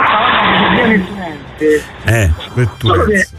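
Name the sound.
car passing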